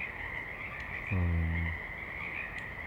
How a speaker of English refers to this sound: Mainly frogs, I think some birds in the recording, no planes otherwise.